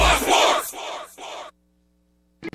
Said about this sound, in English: More screaming, happy screaming, summer screaming, dollar small classic Frosty screaming!